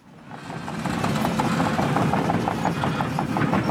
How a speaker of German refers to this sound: Die Bagger rollen hier an der Grundschule in Kernen im Remstal nahe Stuttgart. Ein Sound, der heute nicht nur Lokalpolitiker anlockt.